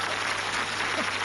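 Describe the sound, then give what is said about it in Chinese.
A crosstalk (xiangsheng) show audience claps steadily to encourage the performer to go on, a dense, even patter of many hands filling the short moment without pause or any voices on top. “说呀，来，我们掌声鼓励他往下说呀。”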